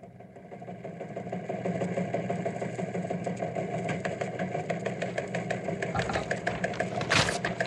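A small airplane engine drones steadily and continuously with a low, buzzing hum and a rapid pulsing rhythm, swelling briefly louder near the end. No one speaks.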